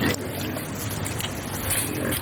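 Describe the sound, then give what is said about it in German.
About 30 pigs in Cairo, Egypt, grunting all at once as a bucket of food scraps is thrown over their fence, a dense, continuous chorus of snorts and rumbling noise, loud, with no voices. “Rund 30 Schweine grunzen fröhlich, als Ayman ein Eimer mit Essensresten über den Zaun wirft”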